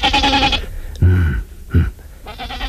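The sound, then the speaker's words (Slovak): A goat bleats several times, loud wavering cries with short pauses between them, the last calls a little quieter. “Čia je táto koza?”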